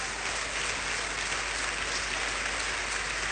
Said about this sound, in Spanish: Vamos a darle un aplauso por esa obra.